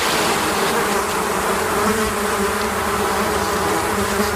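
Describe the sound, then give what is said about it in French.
A dense, steady drone of many honeybees buzzing around a beekeeper's hives at Bizet-Minervois in the Aude, Occitanie, continuous and fairly loud, with no one speaking. “ses abeilles, puisqu'il est apiculteur dans l'Aude, à Bizet-Minervois.”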